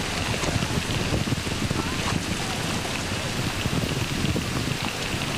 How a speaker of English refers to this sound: It looked like the rainstorm was going to pass, and it hasn't passed. It hasn't passed at all. It's very, very heavy, and I'm soaked through the skin.